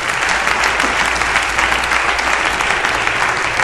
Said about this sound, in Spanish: ¿Cuánto le hago un aplauso al Señor para siempre?